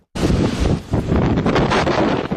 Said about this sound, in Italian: Il rumore del vento impetuoso che soffia incessantemente sulla nota isola turistica di Creta.